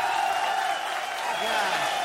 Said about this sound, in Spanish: Vamos a recibir con un aplauso, pero bien machina